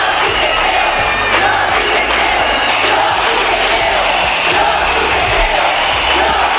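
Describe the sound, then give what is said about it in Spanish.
A large street protest crowd in Spain chants "Yo sí te creo" over the La Manada gang-rape case, many voices blending into a loud, continuous wall of sound with rhythmic surges throughout. “Al grito de "Yo sí te creo", la calle dejó claro que era el momento de iniciar un cambio en la forma en que todos percibíamos la violencia sexual.”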